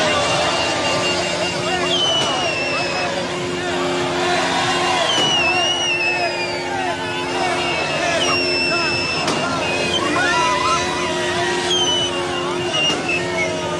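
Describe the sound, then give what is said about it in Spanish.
A dense outdoor crowd celebrating at a roundabout roars, chants, cheers and shouts continuously, with steady car horns from passing motorists blaring underneath and shrill whistles cutting through now and then, all loud throughout. “Durante varios minutos, la zona se llenó de cánticos, porras y gritos, mientras automovilistas hacían sonar el claxon al pasar por el lugar, uniéndose a la celebración que convirtió la glorieta en un mar de colores verde, blanco y rojo.”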